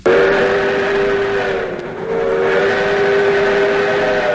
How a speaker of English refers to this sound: New adventures await you as the Skunk Train celebrates Days of Steam. Hop aboard the Skunk Train's restored steam engine experience. Ride the tracks, filling the redwood forest with clouds of steam and the sounds of a bygone era.